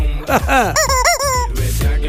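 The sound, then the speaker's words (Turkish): A rooster crows loudly, a strained, wavering call with rising and falling pitch that lasts about two seconds, with no voices around it. “Horozu özleyenlere şaba.”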